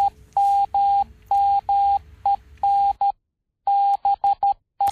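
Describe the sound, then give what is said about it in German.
Morse code beeps: a clear, loud single-pitched tone keyed in quick long and short pulses, with a faint low rumble beneath the first half and no voices. “übertrug Samuel Morse erstmals seine nonverbale Kommunikation mittels seines Morse-Alphabets”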